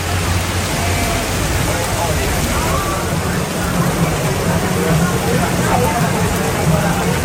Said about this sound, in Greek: Βροχή πάρα πολύ, δρόμοι πλημμυρισμένοι, αυτοκίνητα περνάν και δεν βλέπουν τους πεζούς και δεν κόβουν ταχύτητα.